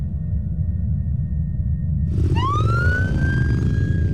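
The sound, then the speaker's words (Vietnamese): A low engine rumble runs throughout, then a police motorcycle siren abruptly starts about halfway in, its tone sweeping upward and holding loud over the steady drone. No one speaks. “Rẽ phải gặp đơn vị cảnh sát mô tô.”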